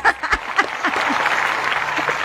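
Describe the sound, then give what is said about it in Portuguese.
A crowd breaks into warm, sustained applause, dense clapping filling the room from start to finish, with a few scattered cheers or voices mixed into the ovation. “Vamos receber ele então, minha gente, com aquela calorosa salva de palmas”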